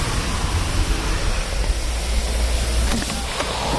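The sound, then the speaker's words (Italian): A heavy downpour roars steadily outside a house overlooking a lake, a dense hiss of rain spread evenly across the whole clip with a low rumble underneath and a few faint sharper taps near the end. No one speaks. “Sta diluviando, non è la giornata migliore per vedere questa casa, la cui bellezza è proprio soprattutto la luce, la vista sul lago.”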